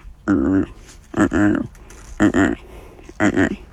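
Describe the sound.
A person's voice imitates the call of Ricky, the great white pelican who played Rufus in the film Dolphin Tale: four loud, buzzy, nasal bursts in a steady rhythm, each about half a second, with brief pauses between.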